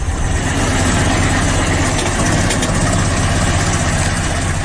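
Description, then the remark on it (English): A loud, steady mechanical rumble of an old Ford Model T car engine idling, a car model that debuted in 1908, in a modern recording, with a rhythmic chugging throb and rattling clatter running continuously throughout, no voices. “That loud mechanical rumble is a modern recording of a car that debuted more than 100 years ago.”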